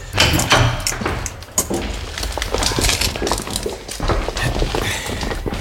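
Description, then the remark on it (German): The heavy door of an evidence room at a police headquarters is opened, its mechanism clanking and rattling with a run of sharp metallic clicks and scrapes over several seconds, with no voices. “Und jetzt öffnen Sie bitte die Asservatenkammer.”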